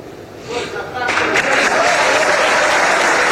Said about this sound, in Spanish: Bueno, el aplauso unánime, muy merecido, por cierto, para la figura de Franco Armani, que es un arquero leyenda.